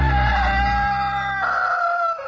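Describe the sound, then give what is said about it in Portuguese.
A single loud rooster crow played on RTM Brasil radio at 4:38, one long strained call that holds its pitch, shifts partway through, then trails off, with no talking over it. “Estamos em rede, 4h38, canta galo.”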